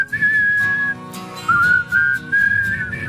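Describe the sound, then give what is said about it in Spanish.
Someone whistles a clear melodic tune in sustained, sliding notes over a backing of music with steady rhythmic percussion; no talking. “Se dice que cuando silba la noche aparece el bombero, bro.”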